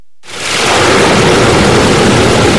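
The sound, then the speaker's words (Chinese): Loud, steady roar of water from the Yarkand River, the longest source stream of the Tarim River in Xinjiang, China, pouring out as the electric sluice gate at the Aierketamu headworks is raised for an ecological water release. It starts abruptly after a brief silence and continues as a dense, continuous torrent with no voices. “8月6号，随着埃里克塔木取首的电子闸门缓缓抬升，塔里木河的最长源流叶尔羌河河水奔涌而下，水流一路绵延超过350公里，在与和田河交汇后，最终汇入塔里木河干流。”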